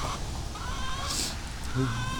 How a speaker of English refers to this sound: I see a black chicken making squawky noises. Hi, squawky black chicken. Squonky skronk.